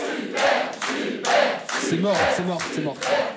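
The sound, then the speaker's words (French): A crowd applauds two contestants who won the banco on a France Inter quiz show, the dense clatter of clapping holding level for a few seconds while whoops and cheering voices rise over it midway. “On vous applaudit, 500 euros, c'est bien pour les jeunes.”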